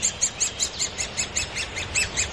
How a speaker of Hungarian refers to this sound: Ez egy tarka harkály, valószínűleg nagy tarka harkály. Vegyük fel a hangját.